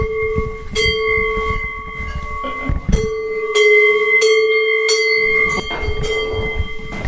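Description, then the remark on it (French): Large bells ring out repeatedly in an uneven, overlapping peal, their sustained metallic tones blending together over a low rumbling background. “Alors voilà des belles cloches.”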